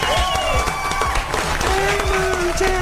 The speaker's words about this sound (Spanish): ¡Un aplauso! Gracias.